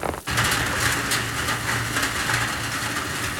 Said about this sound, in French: Oh, sa tambourine, pas pareil. Oh, elles sont fortes, ces gouttes d'eau. Toutes ensemble, elles font un bruit, un gros bruit.